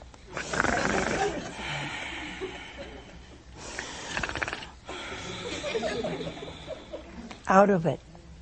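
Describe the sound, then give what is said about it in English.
A man's voice imitates loud snoring, portraying Adam asleep in a retelling of the biblical creation story: three long, rasping, breathy snores follow one another, and a short voiced snort ends the sequence. “And he was snoring.”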